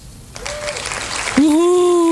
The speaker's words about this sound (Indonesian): Tuh suara tepuk tangannya.